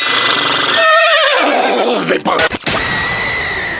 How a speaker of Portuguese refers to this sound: Fala, cavalo!